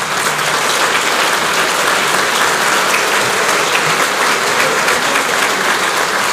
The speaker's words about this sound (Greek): Σηκωθείτε κύριε Κυρανάκη να σας δούνε, να σας χειροκροτήσουνε.